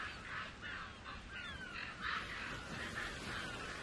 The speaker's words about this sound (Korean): 바로 큰 까마귀들이죠. 이들도 새끼를 먹여 살려야 하니까요.